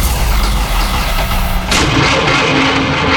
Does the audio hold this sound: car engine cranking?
yes